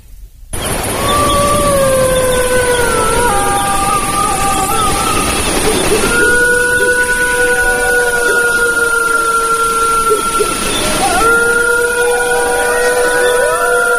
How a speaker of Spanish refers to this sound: Ha sido un placer tenerte, te lo están diciendo una manada de lobos.